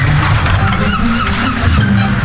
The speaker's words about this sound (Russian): Засов тут скрипнул.